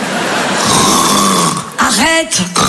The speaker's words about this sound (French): Arrête, quoi, qu'est-ce qu'il y a? Bah, tu ronfles un peu, chérie. Ça m'étonnerait, je dormais pas.